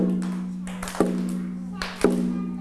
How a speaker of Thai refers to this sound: เคาะจังหวะแบบนี